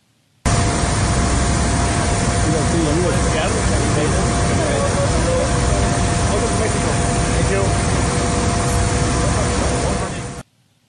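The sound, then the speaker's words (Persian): A steady, loud airplane engine roar drones on for about ten seconds, a dense, unchanging rush with a faint hum beneath it, starting and stopping abruptly; a plane of the German company USC flying the national team from Antalya to Tijuana. “پیشتر اعلام شده بود که این پرواز با ایران ایر انجام میشه، اما در نهایت این پرواز با هواپیمای شرکت آلمانی USC انجام شد.”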